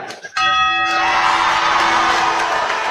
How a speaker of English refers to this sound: So, got to ring that bell. Who's going to do the honors?